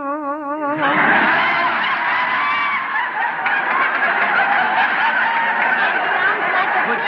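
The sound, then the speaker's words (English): A person imitates snoring: a brief wavering vocal tone, then a loud, raspy, sawing drone that runs unbroken for about six seconds, harsh and buzzing, with no other talk. “Tell you how he snores? Yes, I'd like...”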